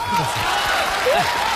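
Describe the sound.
An audience claps steadily and densely to welcome an older man to make his final statement, a continuous loud wash of applause with a few voices and a high whoop-like tone rising over it.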